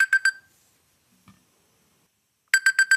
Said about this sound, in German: Das klingt wie so ein klassischer Wecker, ne? Ja, eher klassisch. Aber finde ich persönlich fast eher nerviger als mein Gedudel.